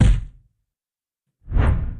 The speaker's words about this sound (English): I like that swoosh at the end. That's a good proclamation sound.